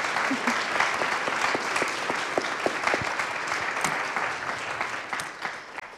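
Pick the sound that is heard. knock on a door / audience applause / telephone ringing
audience applause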